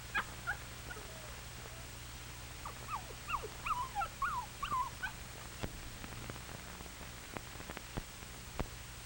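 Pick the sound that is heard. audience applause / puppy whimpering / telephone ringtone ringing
puppy whimpering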